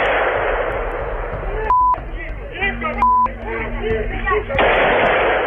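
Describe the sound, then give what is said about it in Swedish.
Scattered gunshots from a midday shootout in Kyiv, Ukraine, between two branches of the country's security service, recorded on video, crack through noisy street ambience while people shout and talk, with two short steady beeps cutting in and a louder burst of noise near the end. “Här hör vi ljud från en video som fångat skottlossningen mitt på dagen i Kiev.”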